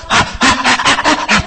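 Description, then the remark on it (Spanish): A voice imitates the eager, hungry panting of a baby about to be given milk or the breast: about five or six quick, breathy huffs in a steady rhythm, fairly loud, with no words spoken. “Hasta algunos, si es cierto, algunos hasta la respiración, y empieza a mover la cabecita.”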